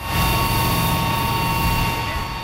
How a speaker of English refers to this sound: A fire engine sprays mist over a crowd in Prague's Old Town Square.